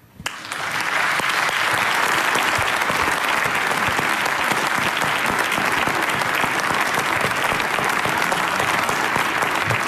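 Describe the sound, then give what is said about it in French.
Sustained audience applause welcoming guest Bernard Boxeau, swelling up within the first second and holding steady and loud, a dense crackle of many hands clapping for the full ten seconds without anyone speaking. “Mesdames et messieurs, je vous demande d'accueillir et d'applaudir très fort Bernard Boxeau.”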